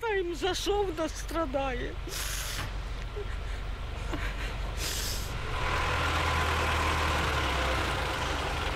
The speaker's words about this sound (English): And as firemen winched her mangled car off the street, dust and anxiety remained in the air.